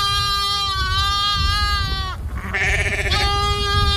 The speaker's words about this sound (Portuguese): Calma, bode velho. Calma, bode. Você tá bodejando aí, bode ou não?